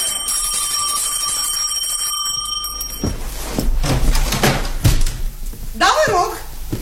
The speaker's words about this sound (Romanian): Are clopoțel la poartă.